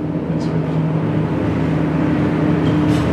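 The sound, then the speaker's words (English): A loud, steady engine rumble from a noisy heavy truck outside, heard during a speech in a legislative session, with low droning tones holding constant throughout and no voices. “Yeah, Madam Speaker, I have a little competition with a noisy truck on the outside here, so just a minute.”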